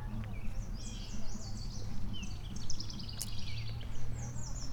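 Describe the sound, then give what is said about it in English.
A bird chirps and twitters in quick, repeated high notes throughout, over a steady low rumble in the background. “What is moving around over here in the... Oh, just a bird?”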